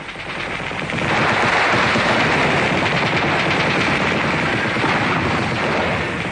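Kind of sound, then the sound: sound effect, machine gun fire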